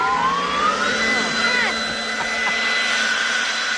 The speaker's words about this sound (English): Did you see my leaf blower? No, I don't want you to. Turn it off.